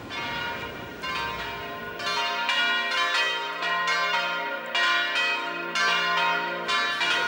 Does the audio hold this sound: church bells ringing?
yes